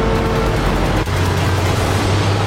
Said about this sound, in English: Ew, what is that noise? Are they four? I think it's a tractor. I thought we banned the non-electric ones.